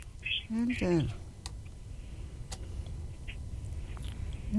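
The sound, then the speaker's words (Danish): Someone types on a computer keyboard with a few slow, scattered key clicks, quiet, over a low steady rumble, after a brief voiced sound at the start. “Nu skriver jeg.”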